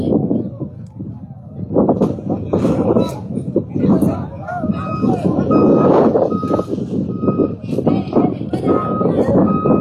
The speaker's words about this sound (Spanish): a estos camiones que, como manifestaba el conductor, traen leche pil desde el día de ayer, están varados.